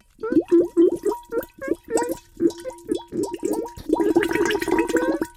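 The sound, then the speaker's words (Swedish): A voice imitates bubbling, making B-bubbles, with a rapid string of short, pitched gurgling blips, fairly loud, building into a denser, frothier burst of bubbles at the end. “Applåder för … som bubblade så fina B-bubblor.”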